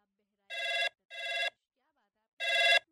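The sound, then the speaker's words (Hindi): Three bursts of a telephone ring on an outgoing call from a radio programme to a listener in Takiya Patan, Unnao, two close together and then a pause before the third, steady and clear with no talking over them. “तो चलो मिलावा जाए फोन और उनसे बातचीत की जाए।”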